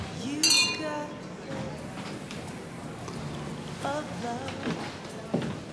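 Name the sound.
glasses clinking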